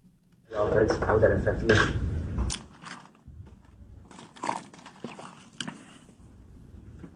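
Philadelphia Eagles quarterback Jalen Hurts takes a long sip of water while being asked about A.J. Brown potentially being traded: a rush of slurping noise, then quieter gulps, small clicks and bottle handling against a faint murmur.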